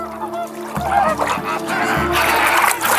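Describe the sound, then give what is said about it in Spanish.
A dense flock of flamingos struts, honks and squabbles, a continuous noisy chorus of harsh goose-like calls rising and falling, with faint splashing of water underneath. “En grandes bandadas, se pavonean, utilizando el color para demostrar su salud. Alguna que otra trifulca contribuye a darles asientos en primera fila, donde podrían llamar la atención de una pareja potencial.”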